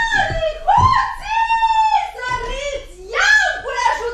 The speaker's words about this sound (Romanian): Ce țipi așa, femeie? Ce țipi așa, dragă?